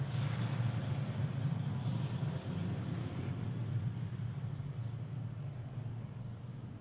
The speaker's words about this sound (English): Okay, and as the jet zooms off into the distance, it's 10:25.